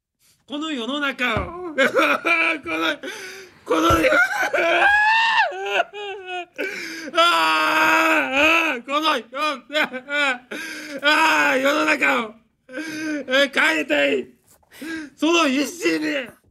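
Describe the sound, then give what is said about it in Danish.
A man wails and sobs loudly at an apology press conference in Japan, his voice breaking into long, wavering cries broken by short gasping pauses, continuing almost without letup. “Altså undskyld, der vil jeg ikke sige gråd, der vil jeg sige vrælen.”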